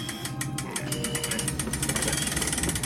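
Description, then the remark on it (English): A garage door being hauled up by hand while the main power is shut down, with a loud, steady, rapid mechanical rattle and clatter running for a few seconds and growing slightly busier toward the end. No one speaks. “I'll raise the door manually.”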